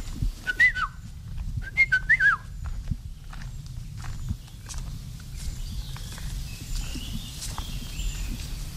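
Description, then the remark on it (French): Short, fluting whistles of a yellow-and-black bird sound from the canopy in two quick phrases, with fainter high calls afterward, while footsteps crunch steadily throughout. “Et si on pouvait le voir, bon, souvent on ne le voit pas, il est dans la canopée, c'est un oiseau jaune et noir.”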